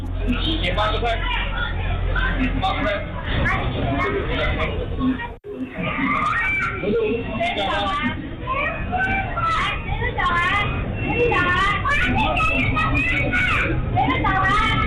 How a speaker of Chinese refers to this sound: 咱们先把时间拨回8月26号下午1:02。长沙那间餐厅的监控记录下了全部的经过。